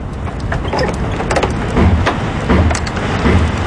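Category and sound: nature, howling wind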